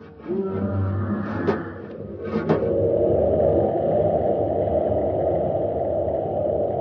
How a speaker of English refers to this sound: Commander, it's right outside the door. It's clawing at the ship. Keep your fingers crossed, Happy. That beast is big enough to crush this ship like an eggshell.